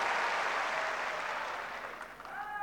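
Sustained crowd applause at a tennis match between Tiafo and Bublik, a dense, steady wash of clapping that holds loud throughout, with faint voices and a few whistles or cheers rising near the end.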